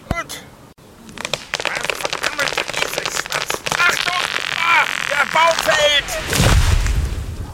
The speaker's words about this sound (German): Die Axt ist viel zu klein. Ich brauche ganze 3 Schläge, um einen Baum zu fällen.